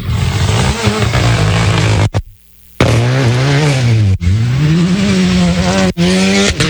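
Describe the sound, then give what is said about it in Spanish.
Loud, throaty roar of powerful high-displacement racing engines sweeping by, their pitch climbing and dipping with gear changes, broken by a short near-silent gap before the snarling resumes. No one speaks. “Tengo máquina. Perro a la vista, vamos a escuchar el rugir.”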